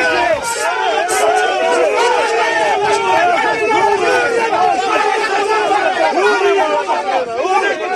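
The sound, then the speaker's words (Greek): A large crowd of protesting farmers in Greece shouts and clamors continuously, many overlapping voices rising and falling in an agitated, loud roar with no pauses throughout. “Ένταση, φωνές και χημικά.”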